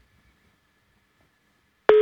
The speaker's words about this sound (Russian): Но, увы, слышим гудок, а хотелось бы гимн.